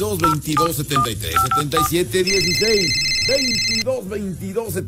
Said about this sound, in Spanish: suenen ya aquí en la cabina los teléfonos más alegres de toda la radio y todo el estado de Puebla.